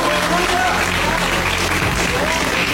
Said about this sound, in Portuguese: E a igreja pode glorificar com mais palmas pra Jesus.